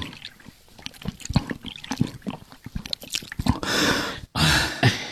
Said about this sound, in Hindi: जरा यहाँ आओ, इतनी प्यास लगी है, जरा पानी पिलाओ, गला सूख रहा है। लीजिए जनाब। लाइए।